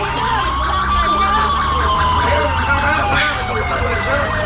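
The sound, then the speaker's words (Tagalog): A wailing police siren sounds loud, its long tone rising and falling slowly over a steady rumble of traffic and street noise. “Ara, may pulis na.”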